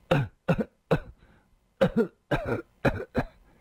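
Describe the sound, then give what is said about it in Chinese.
A man, a drunkard, bends over and coughs repeatedly, about eight harsh bursts in uneven clusters, some coming in quick pairs, with brief pauses between them and no talking. “那酒鬼已抽出了信，只瞧着两眼，苍白的脸上又泛起了一阵异样的红晕，弯下腰去不停地咳嗽起来。”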